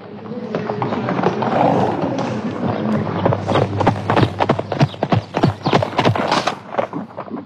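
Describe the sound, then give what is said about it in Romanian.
Hooves of a tall horse being brought clip-clop closer and louder, a quickening run of sharp, evenly spaced hoofbeats on a hard surface over a low steady rumble, with faint talk early on. “Ce cal înalt mi-au adus!”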